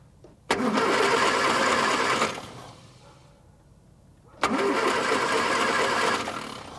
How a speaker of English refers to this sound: We won't be long now. Could you get in and try the engine?